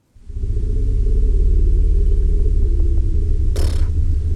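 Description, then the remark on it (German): An elephant bull's deep, sustained rumble, recorded in the steppe in Namibia and sent as a voice message by an elephant researcher, drones steadily for about four seconds, a low, throbbing hum, interrupted near the end by a brief hiss of noise; only the highest frequencies of the rumble are audible. “Ja, aber das ist das Rumblen von einem Elefantenbullen.”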